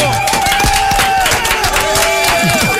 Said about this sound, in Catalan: Fem un bon aplaudiment. Bravo!